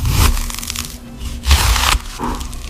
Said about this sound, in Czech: Já vám napovím, je to krájení, ale vaším úkolem je ještě teda uhádnout, jaký krájení, respektive čeho krájení, to je...